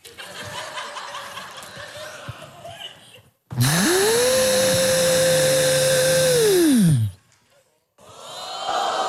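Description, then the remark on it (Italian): A voice imitates a vacuum cleaner, a loud steady whine that ramps up, holds for about three seconds, then winds down, with laughter and chatter before and after. “Secondo suono. Dato che sono filippino, l'aspirapolvere.”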